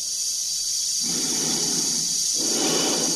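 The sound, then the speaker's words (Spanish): Slow, heavy breathing inside the sealed helmet of a red spacesuit as its wearer walks along an octagonal corridor, a hollow inhale and exhale rising in two broad waves over a constant airy hiss, with no talking. “Se escucha su respiración dentro de la escafandra.”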